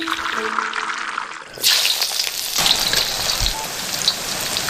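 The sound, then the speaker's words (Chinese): Loud, steady sizzling and crackling of a duck frying in hot oil for braised duck, a dense hiss that swells sharply after a quieter opening moment and continues. “随着滋滋的爆裂声，鸭子在油锅中发生奇妙的美拉德反应，这也是构建焖鸭形与色的关键。”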